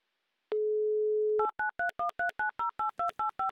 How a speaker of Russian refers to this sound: Набран номер телефона Андрея, звоним в Бугры.